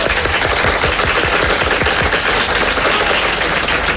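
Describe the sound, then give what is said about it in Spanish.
An audience breaks into loud, sustained applause for Cuban actor Ildefonso Tamayo, a dense crackle of many hands clapping at a steady level throughout, with no voices rising above it. “Ildefonso Tamayo, un fuerte aplauso.”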